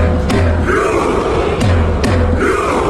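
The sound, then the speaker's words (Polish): A loud crowd of Norwegian football fans chants and roars together after a World Cup match, doing a rowing celebration, punctuated by a few sharp drum beats struck by Haaland at uneven intervals over the dense, continuous wall of voices. “Haaland zaś na tym mundialu ma już 7 trafień, tak jak Messi, Mbappé, i po meczu to on uderzał w bęben, nadając ton wiosłującym kibicom, którzy zmierzali już w stronę ćwierćfinału.”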